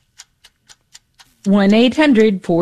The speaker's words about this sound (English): You hear that clock ticking. That is a reminder that we are running out of time.